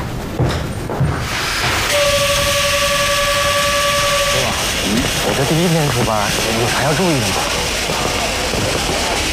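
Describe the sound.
A train rumbles along with steady hissing noise, and a sustained, two-toned whistle sounds for a couple of seconds before voices begin talking over the continuing rail noise.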